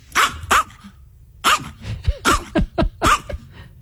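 A chihuahua yaps repeatedly, sharp high-pitched barks coming in uneven bursts with brief pauses, loud, mixed with a few smaller yips, and no one speaking.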